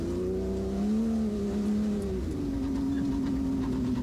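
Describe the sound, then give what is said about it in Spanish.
A car engine drones steadily while the car reverses, its pitch rising briefly and then dropping into a lower, sustained rev, loud and continuous with no voices. “Ahí cuando le dice tirar el culito para atrás, era el auto.”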